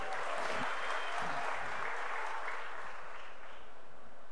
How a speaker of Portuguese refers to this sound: Aí o Léo Pereira sendo mais aplaudido até agora, hein?